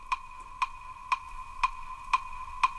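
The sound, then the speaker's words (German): A quiz countdown timer ticks steadily, six crisp, evenly spaced ticks about half a second apart over a faint constant electronic hum, with no voices. “Und dein Countdown, der startet nach der ersten Frage.”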